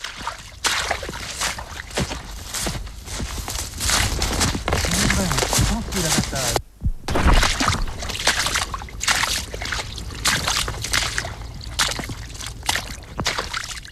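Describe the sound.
A babbling brook trickles and splashes steadily, a continuous bubbling rush with a brief drop near the middle and faint murmuring voices in the background.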